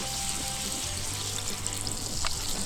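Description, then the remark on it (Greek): Steady sizzling and bubbling of sauce glazing in a hot pan after a little water is added, a continuous crackling hiss with low burbling underneath and one brief sharper spit near the end. “λίγο νεράκι και αφήνουμε να γλασάρει.”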